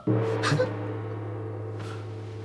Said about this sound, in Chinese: 什么声音？ 是敲锣。这是在敲锣吗？ 大半夜的，怎么会有人敲锣呢？